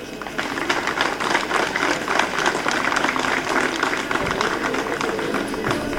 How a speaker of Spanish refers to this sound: Más fuertes aplausos a nuestro gobernador regional, don Pablo Silva Amaya.